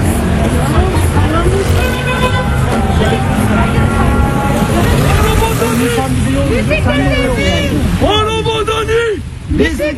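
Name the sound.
city road traffic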